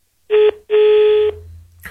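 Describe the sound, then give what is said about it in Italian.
Two loud telephone line tones signalling that the phone line is free, a short beep followed by a longer one, each a steady buzzy pitch separated by a brief gap, with a faint low hum and a quick noise at the end. “Quindi in questo momento il telefono è libero, vi faccio sentire il tutto, quindi se mi chiamate rispondo io direttamente.”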